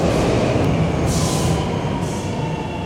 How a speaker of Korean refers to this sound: 지금 서울 2호선, 2호선 열차가 들어오고 있습니다.